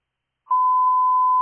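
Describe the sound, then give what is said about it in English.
A fire dispatch paging alert tone toning out Winterhaven Engine 4 for a fire alarm: after a moment of silence, a single loud, steady electronic tone sounds and holds unbroken to the end, with no voices. “Can you tone out Winterhaven 4?”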